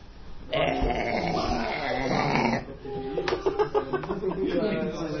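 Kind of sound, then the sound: human body sound, loud burp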